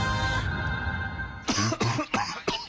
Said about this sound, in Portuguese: Caramba, meu, você tá bem? Vai um xaropinho pra essa tosse aí, ó.